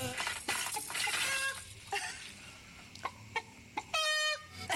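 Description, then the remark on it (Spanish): A rooster clucks repeatedly in short, harmonic bursts, clear, ending in a louder drawn-out call, with a steady wash of background noise underneath. “Lindo gallo mínimo ponen por acá.”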